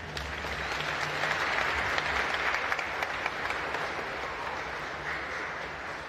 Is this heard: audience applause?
yes